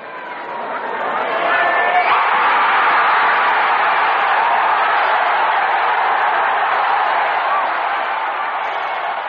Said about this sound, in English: As you heard that enthusiasm from the crowd, they knew that Joy had the silver for sure and still had a chance at gold, which Joy had predicted would be won with a 2.25-meter jump.